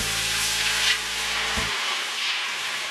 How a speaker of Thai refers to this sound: นำกระทะทองเหลืองตั้งเตาเทเอาน้ำเปล่าลงใส